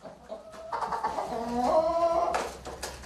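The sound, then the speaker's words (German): Several chickens cluck and murmur in a henhouse, with overlapping calls and a brief higher squawk near the end, continuous for a few seconds with no talking. “Es sind nur noch 7 von ihnen übrig. Der Rest ist tot. Eine Streubombe hat sie alle getötet. Dort im Hühnerstall.”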